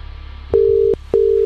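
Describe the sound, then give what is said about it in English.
A telephone ringback tone while calling a prize contest entrant, with two short, steady electronic beeps of equal pitch in quick succession over a faint background hiss. Nobody speaks. “Who are we ringing?”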